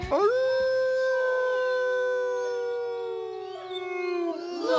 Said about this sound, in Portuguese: Já o Chico tinha saído quando o uivo prolongado cortou a noite.